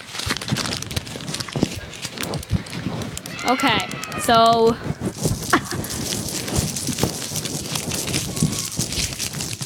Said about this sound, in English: Who else is going to do some ripping of paper? I'm doing this. I always do this.